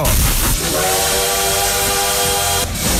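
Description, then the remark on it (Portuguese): A steam train whistle blows one long, steady harmonic tone over a loud bed of hissing steam, cutting off abruptly after about two seconds amid noisy rumble. “É, o trem bala tá por aqui, já com o pezão no freio, mas não podemos deixar ninguém pra trás.”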